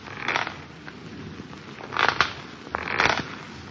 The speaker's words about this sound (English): On the fifth night of our wait, we heard the rocking chair creaking, creaking, creaking.